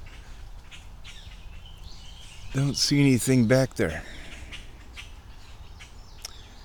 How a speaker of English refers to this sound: Chirpa, chirpa, chirpa, chirpa, chirpa. Listen to all these angry, angry birds.